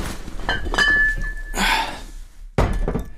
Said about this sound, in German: Wobei, vielleicht nehme ich vorher ein paar Wasserflaschen raus. Jetzt reicht mir eine zum Trinken für unterwegs.